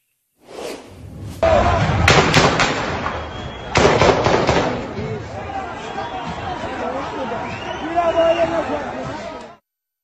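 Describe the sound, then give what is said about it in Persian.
Sharp, loud gunshot cracks ring out in quick clusters, a few in a row and then another burst, fired by forces in a police station building and by snipers at a crowd and at people fleeing, while the crowd shouts and cries out in panic throughout. “در ویدیویی که از لحظات تیراندازی منتشر شده”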